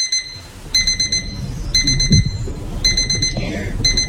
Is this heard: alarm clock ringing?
yes